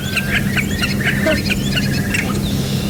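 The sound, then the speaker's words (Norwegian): A starling calls in a rapid run of harsh, crow-like squawks mixed with shrill chirps and whistles, mimicking a crow, a Eurasian curlew and many other birds, fairly loud over a steady low background hum. “Jeg tror det synes som det nesten har noe sånn kråkeaktig lyd hvis du hører her.”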